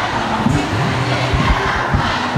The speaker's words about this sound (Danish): Eleverne har i 3 uger protesteret mod blandt andet højt lærerfravær, alt for lange undervisningsdage og mod nedslidte skoler. Og sådan her lyder det, når de forsøger at råbe magthaverne op.